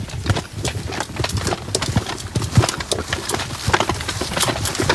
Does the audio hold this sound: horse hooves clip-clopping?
yes